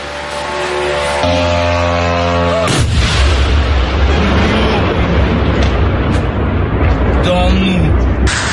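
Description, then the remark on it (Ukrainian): Russian air defense firing at long-range drones over Moscow Oblast, filmed from a home window: a steady humming drone gives way to a sudden loud blast, followed by sustained roaring rumble and a few sharper cracks, with faint voices in the background. “Там працювала російська ППО.”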